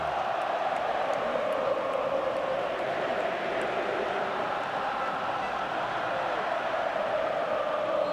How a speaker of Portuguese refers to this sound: Tentando defender o seu título aqui, agora a torcida vem junto. Ouça um pouquinho do MetLife, ó.